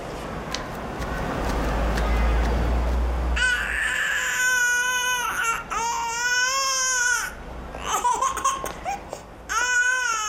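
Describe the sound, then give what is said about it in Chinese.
A baby cries loudly, wailing in long, rising and falling bursts with brief gasping pauses, after a few seconds of muffled rumbling noise at the start. “乖乖，别哭了，别哭了啊！阿姨抱抱。”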